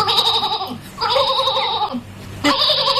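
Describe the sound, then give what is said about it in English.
Three loud, wavering bleats from an old sheep follow one another in quick succession, each lasting most of a second with a brief gap between them, clear with no other sounds around. “On this old sheep, he don't want to stop.”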